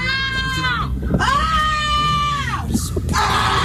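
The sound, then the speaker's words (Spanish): Children shriek and shout loudly in the Plaza Vieja town square in the afternoon, playing with balls, with long, high-pitched sustained cries rising one after another over a noisy outdoor background of voices. “Los niños con el tacatá, unos chillidos, unos gritos.”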